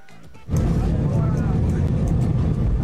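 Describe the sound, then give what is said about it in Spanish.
After a quieter half second, loud, dense clapping and cheering erupt from a crowd of airplane passengers for Gil Mora as he walks down the aisle of the plane during a flight, continuing steadily, with voices mixed in over a low rumble of airplane cabin noise. “Escuche usted cómo le aplaudieron a Morita en el avión.”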